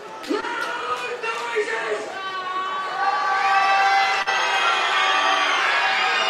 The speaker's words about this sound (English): A lot of fans now screaming in front of me. Guess they listened to the man.